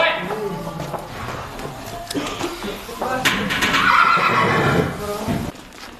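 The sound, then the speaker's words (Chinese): A horse whinnies loudly, a long wavering neigh, where children from herding families practise horse riding; the outdoor background has muffled voices and some shuffling. “本来是马背上的，现在能骑马的到底有什么？”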